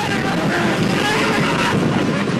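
A roller coaster ride roars past in a steady, loud wash of rumbling track noise and rushing wind, holding an even intensity for a couple of seconds with no pauses.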